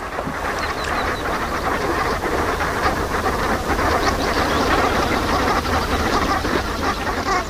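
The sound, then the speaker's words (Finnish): A large flock of brent geese calling together, a dense, continuous chorus of overlapping guttural, croaking calls held at a steady, fairly loud level throughout, with no one speaking. “Se oli viikon luontoääni, Sepela Hanhi, ja sen meille esitteli Juha Laaksonen.”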